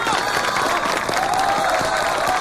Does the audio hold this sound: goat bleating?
no